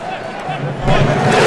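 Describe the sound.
A dense stadium crowd roars, then a single deep, booming unison clap lands midway: the Viking thunderclap, done in unison by thousands of fans in the stands in support of Morocco during a football match. The crowd noise swells louder afterward with a murmur of voices mixed in.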